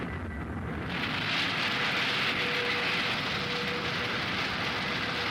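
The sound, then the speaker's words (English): A rocket launch roar from a 69-foot, 92-ton rocket surges up within the first second into a dense, crackling wall of noise, then holds loud and steady to the end, with no voices. “A textbook launching, and first tracking reports show that she's bang on course.”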